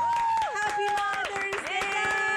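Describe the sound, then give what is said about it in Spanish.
An audience in an auditorium applauds with dense, steady clapping through the whole moment, loud and continuous, while sustained tonal notes glide up and down over the claps. “Un aplauso para la buena madre.”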